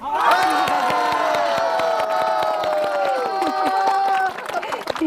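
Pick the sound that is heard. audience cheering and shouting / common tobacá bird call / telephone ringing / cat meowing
audience cheering and shouting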